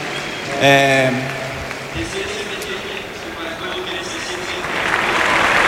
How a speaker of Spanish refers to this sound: Uy, no sé si un poco emocionado, esperando a que termine de aplaudir, de romper la gente a aplaudir, sí.